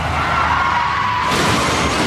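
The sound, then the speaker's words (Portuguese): A car skids with a thin squeal and then rolls over, a loud continuous burst of scraping, crunching crash noise filling the last second, harsh with no voices. “Chefe está capotando.”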